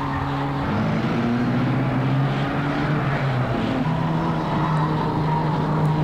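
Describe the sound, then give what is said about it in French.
Steady, loud engine drone fills the whole stretch, its low humming tones gliding slightly up and down, from two cars facing each other on sand, with no voices. “Les deux voitures se font face.”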